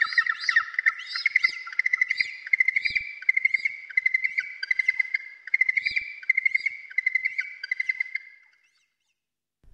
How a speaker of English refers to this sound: The hoi haw. The yellow-eyed penguin.